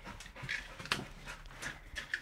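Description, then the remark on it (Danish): A Labrador sniffer dog searches for hidden heroin, going up on its hind legs, sniffing in quick, breathy bursts and letting out a few short, high whimpers, fairly quiet with no one talking. “Altså, det er en grundig hund, vi har med at gøre, ja.”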